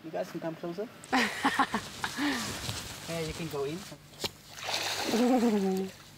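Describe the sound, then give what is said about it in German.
A female crocodile named Ina leaps from the water at Harnas while earning her food, with a short, sharp splash and some sloshing afterward, while people talk steadily over it. “Also, das ist die Ina, die jetzt hier gerade aus dem Wasser gesprungen ist.”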